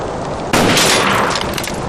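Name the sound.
rifle gunshot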